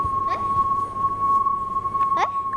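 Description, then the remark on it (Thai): A steady, sustained electronic tone hums from a loudspeaker being spun around, moving toward and away from the listener, its pitch wavering slightly as it shifts with motion, while brief faint sounds flicker in the background. “โอเคนะทุกคนสังเกตตอนที่ลำโพงวิ่งเข้าหาเรากับตอนที่ลำโพงวิ่งหนีเราลองสังเกตเสียงว่าต่างกันอย่างไรครับ”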